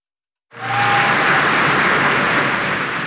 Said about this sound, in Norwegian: I går så ble Kong Harald hedret også på fotballbanen. Foran alle de 8 kampene I herrenes eliteserie så var det minnemarkering som ble avsluttet med 1 minuts applaus.